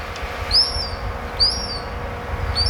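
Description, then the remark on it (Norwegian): Hungry newly hatched gull chicks that have fallen out of their nest give thin, high-pitched peeping calls, three short rising whistles spaced about a second apart, over a steady low rumble of outdoor noise. “se om han fant noen av de små, søte måkeungene ute”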